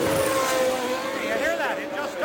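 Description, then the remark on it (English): A race car pulls out of the Penske pits after a wing adjustment, its engine droning steadily loud and then revving unevenly, the pitch wavering and climbing in rough surges instead of a clean, smooth acceleration. “Now, either he can't grab a low enough gear, or it's loading up, as you suggested earlier, but it doesn't go out cleanly.”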